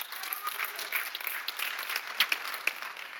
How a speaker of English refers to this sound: Amen. Amen. Give the Lord a clap of praise.